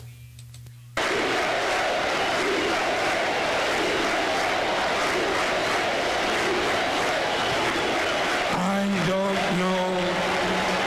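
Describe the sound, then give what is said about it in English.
A large stadium crowd at a baseball game, the day baseball came back, roars in a dense, steady wall of sound as Jack Buck comes out, with rhythmic chanting voices rising near the end. A brief hum precedes the loud, sustained crowd noise. “You hear the crowd chanting.”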